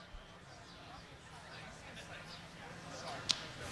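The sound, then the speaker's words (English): A single sharp crack of a baseball bat meeting the ball rings out near the end, short, over a steady murmur of crowd noise, as the ball is slapped foul left of the plate and out of play in the top of the eighth inning of a game involving the Indians. “And there's the ball slapped. Foul, left of the plate, out of play.”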